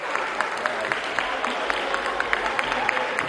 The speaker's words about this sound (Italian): Non sono per lei questi applausi. Non è per me l'applauso.